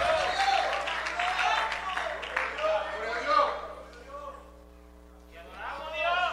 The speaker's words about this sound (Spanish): Alguien le da un fuerte aplauso al Señor, aleluya.